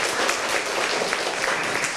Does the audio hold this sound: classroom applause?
yes